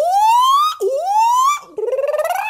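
A loud house alarm siren from a dark mansion at dusk wails in rising sweeps, climbing in pitch twice before switching to a rapid warbling pulse, with no voices present.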